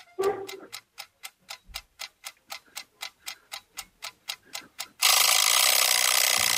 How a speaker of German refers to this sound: Was könnte das denn sein? Ja, ich glaube, wenn ich einen Timer zum Frühstück brauche, dann wird es die Eieruhr sehen.